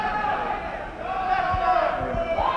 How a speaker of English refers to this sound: All you girls in the audience to notice that the boys that are screaming out, we notice the girls don't usually scream out, but the boys that are screaming out, when they want to be entertained that fast, stay away from them.